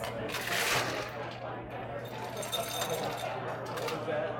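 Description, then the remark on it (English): Ice cubes are put into a glass while a drink is being mixed, a quick run of bright, rattling clinks, most intense early on, over a steady low hum with faint voices in the background. “So now you put some ice into the glass. Okay, ice in the glass.”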